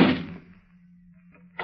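A door slams shut with one sharp, loud bang that quickly fades to a low hum. A brief softer knock or rustle follows about a second and a half later.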